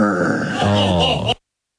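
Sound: voice imitating a growl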